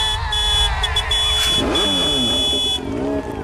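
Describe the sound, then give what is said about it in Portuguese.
A brand-new motorcycle engine revs loudly as it passes, its pitch climbing and dipping in a couple of surges over a steady humming backdrop, then easing off at the end. “Lembrando que a Band FM vai dar de presente uma moto zero quilômetro. E essa moto tá passando agora.”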